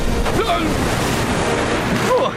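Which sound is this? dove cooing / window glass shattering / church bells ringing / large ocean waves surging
large ocean waves surging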